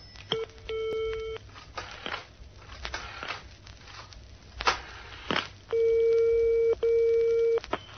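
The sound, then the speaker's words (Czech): A telephone ringing tone sounds over the line in steady electronic beeps as a shop manager phones security: one short burst, then two longer ones close together, with faint clicks and crackles in between and no talking. “Telefonoval hned vedoucí na bezpečnost.”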